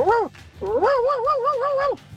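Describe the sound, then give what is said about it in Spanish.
A caller from Banfield imitates their female cat Anita with two drawn-out, wavering meows, a short one first and then a longer warbling one, loud with no other sounds. “voy a imitar a mi gatita Anita.”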